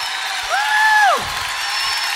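A crowd claps steadily in a dense, continuous wash of applause, with a brief rising-and-falling whistle or whoop cutting through near the start.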